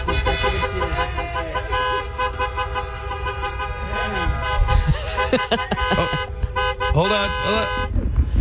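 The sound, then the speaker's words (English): Near the Indianapolis Motor Speedway in the morning, before the gates open, car horns honk almost nonstop in overlapping sustained tones, some held and some tooted, over a loud rumble of heavy traffic and a murmur of crowd voices. “Well, you're already late because this is what it sounds like near the Indianapolis Motor Speedway.”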